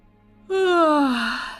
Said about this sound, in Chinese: 忽然，江雪英打了个哈欠。